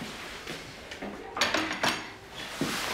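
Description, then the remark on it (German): Dishes and cutlery clinking and clattering in irregular bursts as plates are stacked and cleared from a table, with a few sharper knocks among the softer rattles. “Ich komme nur das Geschirr abräumen.”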